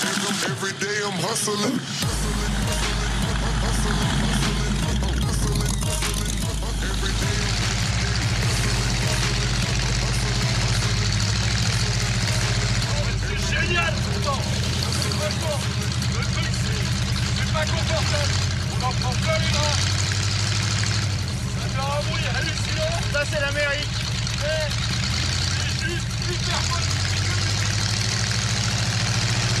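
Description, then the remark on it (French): A car engine idles with a steady, deep rumble that holds loud and even throughout, while a voice talks over it now and then. “Pour tout vous dire, des voitures, j'en ai essayé quelques-unes.”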